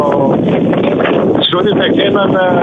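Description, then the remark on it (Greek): Strong wind buffets a reporter's microphone during a live field report in a steady, loud roar of rumbling gusts, with a man's voice partly buried underneath the noise. “Αντιλαμβανόμαστε από την ανταπόκρισή σου, προσπαθείς να μιλήσεις και ο αέρας βγαίνει πραγματικά στον αέρα και το δικό μας.”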